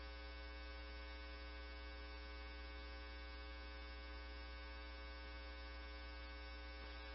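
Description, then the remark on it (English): A fire alarm sounds in a kitchen as a steady, harsh electronic buzz that holds without a break for several seconds, droning evenly and fairly quietly with no voices over it, while firefighters who see no fire or smoke look for it to silence it. “We're looking for the fire alarm. Just silence the alarm right now.”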